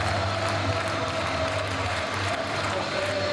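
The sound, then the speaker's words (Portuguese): A large crowd of FC Porto fans at the Aves stadium in Vila das Aves roars and chants "campeões alé" together in a loud, steady wall of voices, celebrating Porto as new national champions, with a sustained sung tone rising through the dense cheering and no pauses. “Uma altura em que todos os adeptos gritam campeões alé, campeões alé, campeões alé, nos céus da Vila das Aves.”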